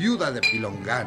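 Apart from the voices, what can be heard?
glasses clinking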